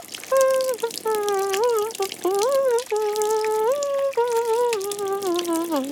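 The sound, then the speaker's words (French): Shower water runs steadily in a bathroom throughout, a bright hissing spray, while a sustained melodic tune glides over it for the full six seconds. “Il prend une douche.”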